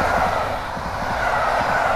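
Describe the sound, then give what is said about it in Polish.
A steady, fairly loud rumble of a train at a railway station in Poland's Łódź region, a continuous low roar with a broad hiss on top and no voices. “Samochodem na stację, dalej już pociągiem.”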